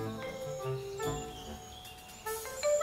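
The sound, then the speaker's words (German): Bees buzz steadily in a garden beside a rare swallowtail butterfly, a droning hum that rises and falls as they move, with a brighter, louder burst near the end and no voices. “Bienen summen hier neben dem seltenen Schwalbenschwanz.”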